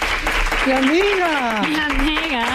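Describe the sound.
A crowd applauds steadily throughout, a dense wash of clapping, while a voice calls out loudly over it in long, rising and falling tones.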